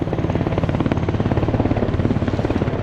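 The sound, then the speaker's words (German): A helicopter thunders with a steady, rapid rotor chop pulsing throughout, loud and dense with low engine rumble and no voices, during a military demonstration of tanks and helicopters at the Triumph of Saint-Cyr, a day for soldiers and their families. “Kinder, Eltern und Großeltern, Freundinnen und Freunde flanieren einen Tag lang mit den jungen Offizieren über sommerliche Wiesen, schauen Vorführungen mit Panzern und Hubschraubern an.”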